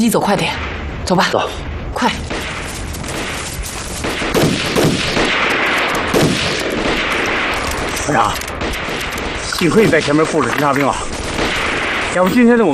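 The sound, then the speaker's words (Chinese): Sustained gunfire coming from the hillside opposite crackles throughout, with sharp repeated shots layered over a dense, noisy battle din, and voices shouting near the end. “枪声是从对面山坡上传过来的。”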